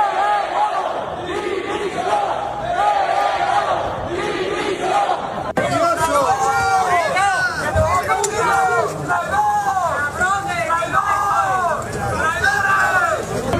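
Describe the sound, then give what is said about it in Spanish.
A crowd in Ceuta shouts and jeers continuously at government ministers Ángel Víctor Torres and Elma Sainz as they arrive at and leave an event, many voices overlapping in loud, rising and falling cries, with a sharp shift in the din about halfway through as the yelling grows denser. “los ministros a los que Sánchez ha enviado a Ceuta en representación del gobierno, Ángel Víctor Torres y Elma Sainz, han sido recibidos y despedidos de ese acto con gritos como estos.”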